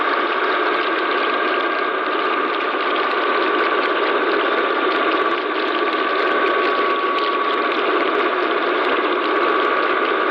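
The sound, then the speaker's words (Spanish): A loud, steady industrial roar from an offshore fracking operation, with dense mechanical grinding and rattling that drones on without pause for the whole stretch, with no voices. “El sonido del fracking en alta mar.”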